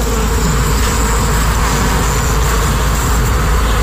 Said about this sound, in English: So there's a hive underneath that. So we're going to put the microphone down by the bees to see if we can get the full sound of what a hive sounds like.